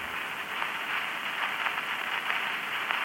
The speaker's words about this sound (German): Aber in der 255. Stunde gab es eine erste Veränderung. Das Rauschen steigerte sich.